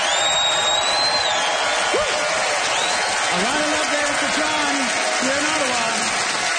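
Steady, dense audience applause fills the whole clip without a break, with a few brief cheers and whoops rising above the clapping, as the audience votes by applause for the winner of a candle-themed contest.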